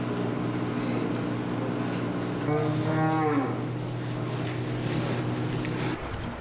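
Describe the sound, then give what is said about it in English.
A cow lets out a long, loud moo over a steady low hum at a dairy farm in Hokkaido, Japan, with about 1,400 cows. Fainter lowing comes from other cattle around it, and no one is talking. “This dairy farm in Hokkaido has about 1,400 cows.”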